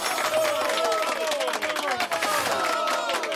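Steady, dense applause from a crowd, with cheering voices rising above the clapping. It stays loud and continuous for about three seconds without fading.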